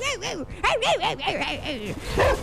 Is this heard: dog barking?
yes